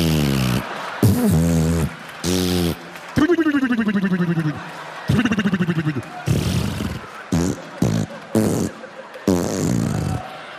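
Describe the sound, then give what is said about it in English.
A voice imitates a queef, air released from a vagina during lovemaking thrusts, with a string of buzzy, sputtering bursts, each a short blat of rising or falling pitch, some rattling in quick pulses, separated by brief pauses. “A pussy fart is like when you're making love to a woman who's got a little extra air in her vagina.”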